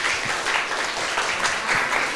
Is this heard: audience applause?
yes